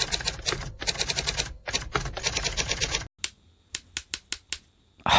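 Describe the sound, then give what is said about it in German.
Rapid clattering keystrokes on a mechanical typewriter in dense bursts, then a pause followed by several separate, sharp key strikes, fairly loud with no voices. “Beim Tippen von Tasten, die nebeneinander liegen oder auch in der Nähe voneinander, können sich die Hebel der Buchstaben aber auch mal verhaken.”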